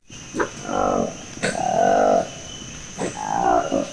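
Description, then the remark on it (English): A newly discovered monkey species with orange lips and a long black tail gives three loud, frog-like croaking calls, each a raspy, warbling burst lasting under a second, spaced by short pauses and preceded by a sharp click, with no talking. “What animal has orange lips, a long black tail, and croaks like a frog? How about a newly discovered species of monkey?”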